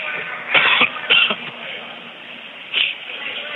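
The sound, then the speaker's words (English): Three short, raspy coughs: two in quick succession, then a pause before a final, lighter one. No one speaks. “I don't know why I'm coughing so much these days.”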